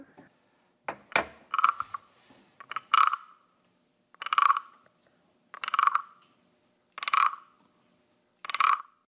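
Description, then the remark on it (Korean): A wooden frog instrument is scraped along its ridged back, giving a series of raspy croaking strokes, quick and uneven at first, then six evenly spaced loud rasps, with no talking. “개구리가 등이 간지럽나 봐. 이거 등을 긁어주니까 노래를 부르네.”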